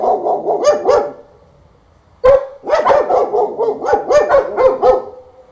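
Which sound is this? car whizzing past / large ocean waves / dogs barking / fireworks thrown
dogs barking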